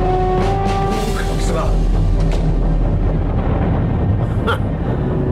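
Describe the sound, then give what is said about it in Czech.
The Erebus volcano erupting, with a deep, continuous rumbling roar filling the scene and scattered crackling bursts breaking through, loud throughout. “Ne, právě se blížíme k sopce Erebus.”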